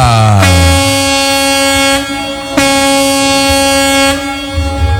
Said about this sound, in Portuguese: Todo mundo que tá rodando aí pelas rodovias de Minas Gerais. Dá aquela buzinada aí, bom dia!